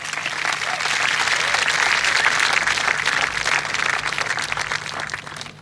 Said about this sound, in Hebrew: נתתם את כל כולכם כדי שיצליחו באתגרים שנכונו להם. אפשר למחוא להם גם כפיים.